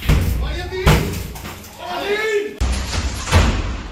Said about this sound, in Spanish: correspondientes a la entrada en domicilios para practicar registros se han producido en 10 puntos de Almería, Roquetas de Mar, Vícar y Adra.